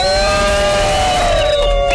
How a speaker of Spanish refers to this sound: Fuerte el aplauso, Pestilencia.